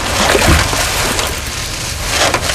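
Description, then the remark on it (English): Water sloshes and splashes steadily as someone wades through shallows carrying a coracle on the shoulder, with a few wooden knocks and creaks as the small boat is set down in knee-deep water, fairly loud, no voices. “I shouldered the coracle through the shallows, and when the water was knee-deep, I set her down.”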